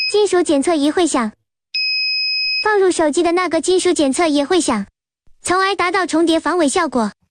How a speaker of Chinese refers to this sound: 另一名销售闹钟的商家则向记者发来一段演示视频，视频中两款闹钟外观完全一致，一款内部没有手机，另一款则藏有手机，使用金属探测仪测试，二者都会发出声音。